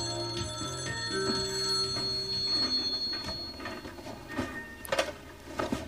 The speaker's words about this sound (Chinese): 你们接电话呀！